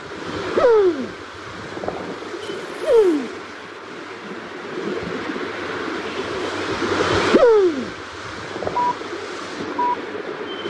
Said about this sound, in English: Kereru. The New Zealand Pigeon.